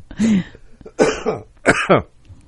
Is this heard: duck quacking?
no